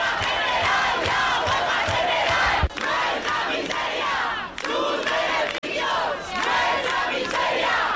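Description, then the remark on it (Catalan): A large crowd of protesters with the tenants' union shouts chants in unison outside the Congress in Madrid, calling for a general strike; a loud, continuous roar of many voices with rhythmic rises and brief dips between phrases, and no single voice standing out. “Amb crits com aquests, des del sindicat de llogateres des de Madrid, fan crida a la vaga general.”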